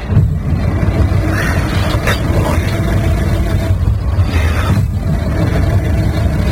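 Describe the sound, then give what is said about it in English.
A car engine, stuck in a snowdrift, cranks over and over without catching, a loud, steady low churning with a rough rhythmic pulse that runs continuously. “The engine won't start.”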